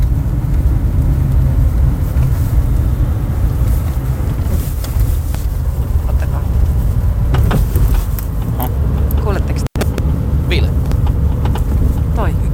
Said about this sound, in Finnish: Se nakuttaa. Perässä selvästi tuossa taka-akselin.